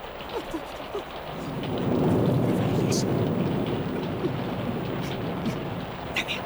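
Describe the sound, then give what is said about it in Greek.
Heavy rain pours down in a dense, steady roar that swells louder after the first second and stays constant, with a deep low rumble underneath and scattered sharper drips. “Μορ βρέχει για τα καλά.”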